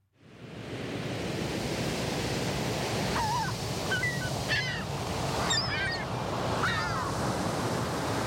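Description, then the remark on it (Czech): Steady, rushing roar of ocean waves washing on a rocky shore where little penguins play, with several honking, squawking bird calls breaking through in the second half. “Běhají po břehu oceánu, šplhají po skalách, strkají se a prostě si užívají.”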